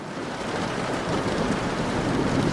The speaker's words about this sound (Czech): Vážení posluchači, za okny zní letní bouřka